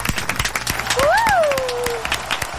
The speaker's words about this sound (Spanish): Y este es el verdadero aplauso en vivo.